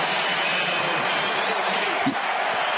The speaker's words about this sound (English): Now the crowd roaring even louder.